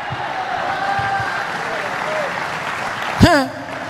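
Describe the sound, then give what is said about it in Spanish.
An audience claps in a steady, dense wash of applause, with voices faintly audible beneath it and a brief loud vocal shout rising near the end. “¿Alguien le da palmas a él?”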